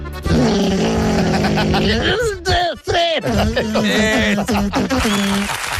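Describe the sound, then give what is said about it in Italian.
A voice imitates a lawnmower with a sustained, buzzing, rumbling drone that wavers and sputters in pitch, breaking briefly midway before revving back up and continuing loudly to the end. “Va bene, un taglia erba.”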